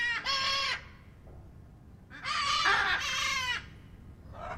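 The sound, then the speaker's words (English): Loud, harsh macaw squawks ring out from a huge aviary of several macaw species (green-winged, blue-throated, great green and hyacinth macaws) at London Zoo in the UK: a short raspy call, a pause, then a longer drawn-out screech, with another call just starting at the end over faint background noise. “So we're at our macaw block right now. So basically a bunch of different macaw species.”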